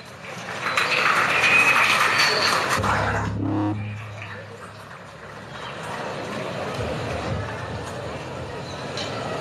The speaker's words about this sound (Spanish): ¡Fuertes los aplausos!